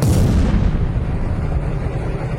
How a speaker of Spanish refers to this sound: Pasó una moto y luego explotó lo que dice el señor ahí. Bravo, bravo. Qué fuerte.